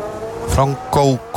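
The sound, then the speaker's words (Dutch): A race car engine keeps running with a steady idle drone, broken by three short, loud throttle blips that rise and quickly fall away, as the stopped driver tries to get the car going again. “Auto loopt nog. Hij probeert hem te draaien, denk ik.”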